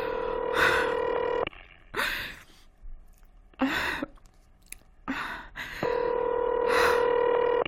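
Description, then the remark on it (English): A telephone rings in two long, steady tonal bursts with a pause between and no one picking up, while anxious breathy gasps and sighs come in the gaps. “Oh, please answer the phone.”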